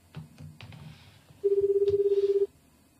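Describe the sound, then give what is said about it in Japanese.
A few soft clicks of a phone being dialed with the prefix 186 before the number, then a single loud, steady ringing tone on the line, a warbling hum lasting about a second, with no voices. “電話番号の186をつけなきゃいけないのかな。186、電話番号はもう一回、じゃあ186で言われた通りにやってみますか。”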